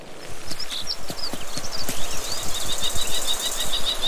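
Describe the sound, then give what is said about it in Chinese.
A kestrel in the Alps gives a warning call at a golden eagle to drive it away from its nest: shrill, high-pitched notes repeated in a rapid string, rising over a steady rustling, clattering background with no voices. “其他动物也在留意金雕的动向，一只红隼向金雕发出警告，并驱赶它远离自己的巢穴。”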